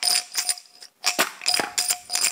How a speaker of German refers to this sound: Ist doch eine super Glasrassel.